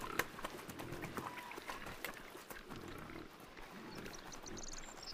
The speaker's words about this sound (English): Perhaps they're nervous because of the herd of pigs nearby. Together they share this empty countryside.